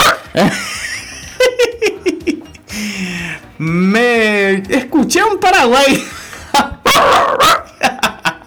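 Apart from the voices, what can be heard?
small dog barking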